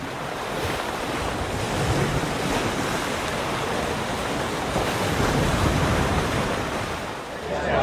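Steady ocean surf roars continuously, a broad wash of crashing and churning water with gusty wind noise buffeting the microphone, easing slightly near the end.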